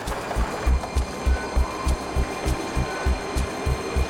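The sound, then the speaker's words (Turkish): A tunnel-cleaning robot rolls along a metro tunnel, cleaning as it goes. Its low mechanical rumble pulses in a steady, rapid clatter under a constant wash of hissing noise. It is fairly loud, with no voices. “Buradaysa süper verimli bir robot tünel boyunca ilerleyerek her yeri tıkır tıkır temizliyor.”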